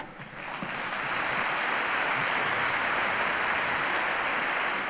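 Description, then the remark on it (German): An audience breaks into applause for a xylophonist about to play a piece on fossils, a dense wash of many hands clapping that swells within the first second and then holds steady and loud to the end, with no voices over it. “Applaus für Konrad.”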